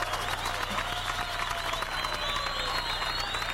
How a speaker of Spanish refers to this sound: Por favor, un aplauso.